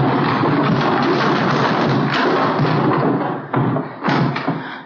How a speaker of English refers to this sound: When I give the word, help me push these barrels over.